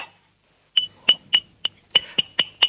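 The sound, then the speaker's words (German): A six-year-old boy in Salzburg taps a drinking glass with a spoon eight times in a quick, slightly uneven rhythm, each bright clink ringing briefly, fairly loud with no talking. “Und dann klimperst du mal an das Trinkglas mit dem Löffel.”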